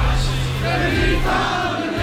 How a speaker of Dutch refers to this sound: En als je dan uit volle borst wordt toegejuicht door het publiek en ze zingen ze allemaal luidkeels mee